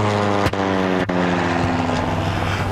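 A steady, loud airplane engine drone fills the cabin of a plane flying home, with a constant low hum and broad rushing noise, broken by two brief soft clicks near the start.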